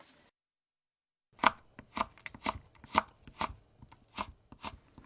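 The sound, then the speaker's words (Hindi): A knife chops carrots on a cutting board into strips 3 cm long and 2 mm wide, a quick, fairly even series of crisp taps, about a dozen strokes after a brief silent pause. No one speaks. “गाजर को 3 सेंटीमीटर लंबी और 2 मिलीमीटर चौड़ी पट्टियों में काट लीजिए।”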